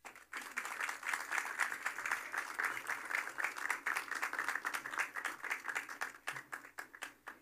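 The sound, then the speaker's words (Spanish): An audience applauds steadily for the director of operations, a dense wash of many hands clapping that stays full for several seconds before thinning into a few scattered claps at the end. “Yo quiero pedir otro aplauso para nuestra directora de operaciones porque sé que es una gran satisfacción.”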